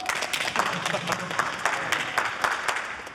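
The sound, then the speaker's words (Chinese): A crowd applauds steadily, with many overlapping claps forming a dense, continuous patter at moderate loudness throughout, welcoming Tang Chen, introduced as a well-known figure in the industry. “哎，大家伙注意了，那个，这就是咱们业界有名的唐晨大哥，大家鼓掌欢迎。”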